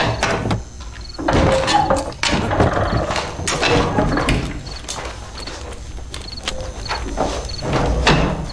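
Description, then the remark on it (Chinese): A door is opened, with a rattle of its latch and a series of wooden knocks and clatters spread over several seconds, and no one speaking. “开门。”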